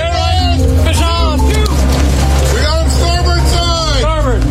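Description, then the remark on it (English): The diesel engine of a 43-foot charter fishing boat in Washington State drones loudly and steadily, a deep constant rumble, with indistinct voices and other calls rising and falling over it. “captains a 43-foot charter boat in Washington State.”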